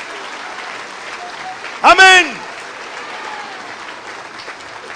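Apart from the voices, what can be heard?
audience applause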